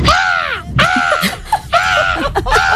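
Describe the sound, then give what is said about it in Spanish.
An 11-year-old boy imitates a parrot, letting out four or five loud, harsh squawks in quick succession, each a raspy rising-and-falling screech. “Y a mí me han dicho que se me da bien imitar los loros.”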